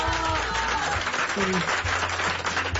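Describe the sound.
A crowd applauds steadily for the whole moment, a dense wash of clapping with a low hum and faint voices murmuring beneath it.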